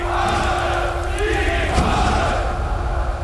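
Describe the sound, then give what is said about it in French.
A large crowd in Germany roars and shouts continuously, a dense wall of cheering voices that stays loud and steady throughout, with no single speaker standing out, as Hitler is named chancellor; columns of men and women advance shoulder to shoulder waving small red swastika flags. “Une foule incroyable s'est mise en route, venant de partout.”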